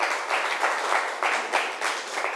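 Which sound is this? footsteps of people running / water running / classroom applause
classroom applause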